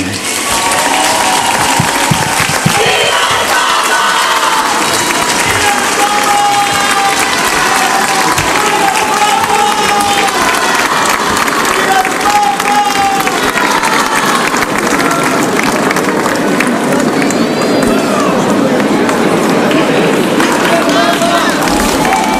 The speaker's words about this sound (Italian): E la sentite la gioia dei fedeli davanti a Papa Leone, li sentite in sottofondo dopo la preghiera mariana dell'Angelus dal Palazzo Pontificio a Castel Gandolfo.